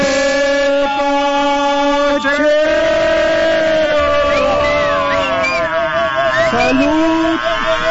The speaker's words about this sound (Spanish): ¡Ay, híjole, manito! ¡No, ya! De veras, esa sirena me causa harto escozor. Por favor, me altera mucho.